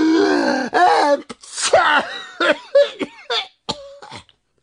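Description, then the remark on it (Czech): A voice imitates two bumblebee brothers sneezing at once after dust tickled their noses, a rapid series of short, sharp bursts with gasping intakes, fairly loud, sputtering and fading toward the end with no speech. “Jakmile je totiž ten prach zašimral v nose, oba bráškové naráz kýchli.”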